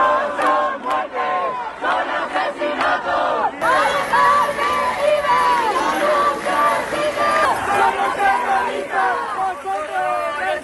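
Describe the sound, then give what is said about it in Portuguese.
Hundreds of protesters gathered in front of the Congress of Deputies in Madrid shout and chant together over the death of an elderly woman, Mari Carmen, crying that she did not die but was murdered; many voices rise and fall in rhythmic slogans, loud and sustained for the whole stretch with a brief surge partway through. “Os manifestantes gritaram que Mari Carmen não morreu, foi assassinada.”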